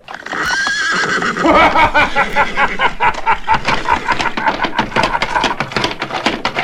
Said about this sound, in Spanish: No pocos hombres sintieron que su cuerpo se estremecía y les corría un sudor frío al escuchar el relincho del caballo blanco y la carcajada franca de Nahum Briones.